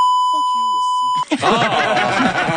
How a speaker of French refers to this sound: Oh. On l'entend parler. Ça enlève un petit peu l'utilité du bip, si vous voulez mon avis. C'est comme ça nous alerte à être plus attentifs. C'est comme avoir des rideaux transparents. Là. C'est pas super utile.